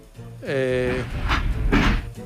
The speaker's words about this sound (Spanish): Ahí está sonando, es un tren de vapor.